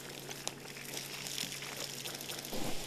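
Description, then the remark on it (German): A little water is poured carefully onto hot charcoal from a charcoal kiln to stop it burning and evaporates at once: a steady, bright hiss full of fine crackles and pops, growing louder toward the end. No one speaks. “Damit die heiße Kohle aus dem Meiler nicht weiter verbrennt, löscht Michael sie vorsichtig mit wenig Wasser ab. Das verdampft sofort.”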